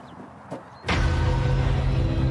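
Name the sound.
hydraulic rescue cutter operating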